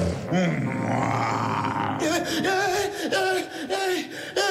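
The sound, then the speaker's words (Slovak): A long, drawn-out lion roar swells for about two seconds, then breaks into a series of rough, rhythmic growling bursts, loud throughout with no other sounds. “Ozajstný lev. A aký si myslel?”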